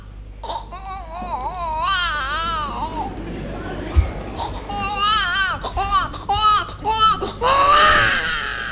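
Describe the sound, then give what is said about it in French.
An adult voice imitates a one-month-old newborn's wailing cry in a series of rising and falling, wavering bursts, loud, with brief pauses between sobs and a faint low hum underneath. “par exemple, de nous faire la voix, de nous imiter la voix d'un tout petit enfant, un nouveau-né?”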